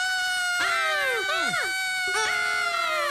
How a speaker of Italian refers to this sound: Aspettate, ma perché stiamo urlando? Perché io ho paura degli esseri umani.